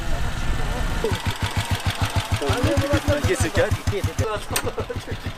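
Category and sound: vehicle, motorcycle engines running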